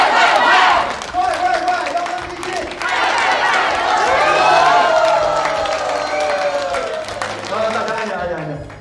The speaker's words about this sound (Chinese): 行吧，大家伙说，大家鼓掌